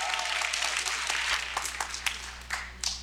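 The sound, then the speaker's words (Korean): A crowd applauds steadily, a dense wash of many hands clapping at once, with a few sharper individual claps standing out near the end. No one speaks. “깨졌으니까 박수 오래 치지 마세요.”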